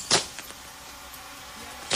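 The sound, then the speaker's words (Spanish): Fireworks going off at a stadium: a sharp, loud burst at the start and another near the end, with a few faint pops in between over a steady background hiss. “Y Martín, descríbanos lo que pase, fuegos artificiales en este momento.”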